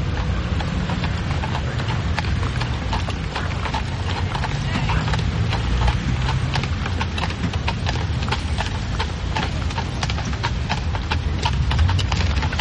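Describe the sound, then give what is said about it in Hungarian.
A large horse-drawn carriage (a batár) rolls along at the railway station in Avignon, hooves clip-clopping in a steady, brisk rhythm over a low rumble of wheels, with muffled voices beneath. “Nem magának kiáltanak abból a batárból?”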